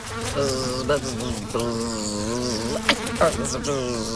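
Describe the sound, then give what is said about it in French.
A housefly buzzes steadily against a kitchen window, its droning pitch wavering up and down, broken by a few brief bumps as it knocks into the glass. No one speaks. “C'est une mouche. Oh, mais attention, tu te cognes à la fenêtre de la cuisine.”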